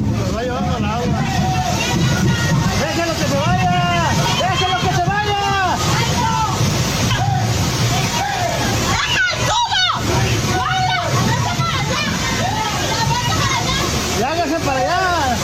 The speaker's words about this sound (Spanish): tras varios minutos de lluvia intensa, el agua comenzó a acumularse rápidamente sobre la vialidad y zonas aledañas, generando corrientes que arrastraron lonas, estructuras metálicas, mesas y parte de la mercancía colocada por los comerciantes.